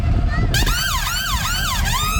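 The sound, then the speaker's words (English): A fire engine siren wails loudly, rising and falling in quick repeated sweeps over a low engine rumble, starting abruptly after a brief moment of background noise. “What noise does the fire engine make? Nino, Nino.”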